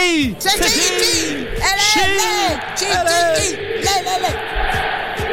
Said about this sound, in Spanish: Un aplauso grande para la chica ahí.